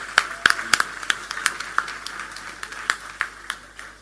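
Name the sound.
audience applause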